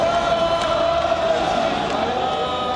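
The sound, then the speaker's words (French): A large crowd applauds and cheers at a celebration, a dense, steady wash of clapping mixed with sustained, ringing voices that holds loud and even throughout. “Une grande fête conclue par des applaudissements et une Marseillaise.”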